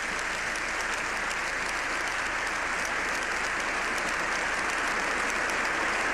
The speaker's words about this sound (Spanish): Pensando quizás que ese gesto amaine la ovación, pero la ovación por alguna razón no se detiene.